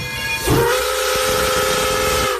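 A steam train whistle lets out one long, steady blast that holds for about two seconds over a breathy hiss of steam. It sounds loud, with no voices.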